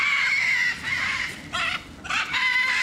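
Macaws screech loudly and harshly, several overlapping raspy calls in quick bursts with brief dips between them, with no talking; the macaws fly to the front and call as keepers arrive with a cart and food.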